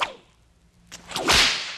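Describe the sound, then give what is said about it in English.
A whip cracks sharply, opening with a quick snap and then a swishing lash that builds into a loud, bright crack near the end. No voices, just the whip. “every campground we pulled up at had a big sign saying no whip cracking in the campground”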